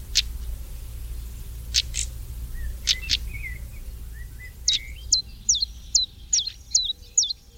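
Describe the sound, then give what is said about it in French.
A European stonechat calls: sharp, stony clicking notes at first, then a quick run of short, high whistled calls repeated rhythmically, over a low, steady background rumble. “Ici, c'est le tarier-pâtre, le petit traqué-pâtre, comme on disait autrefois.”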